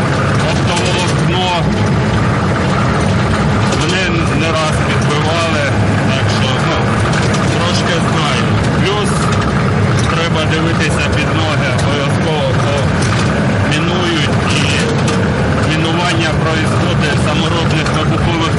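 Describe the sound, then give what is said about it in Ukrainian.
The engine of an armored, net-covered Humvee rumbles steadily while driving ahead to check the safety of the route on a military logistics mission, a constant low drone running throughout, partly buried under overlapping voices and a busy noisy background. “Першим перевіряє безпечність маршруту броньований та обшитий сітками «Хаммер»”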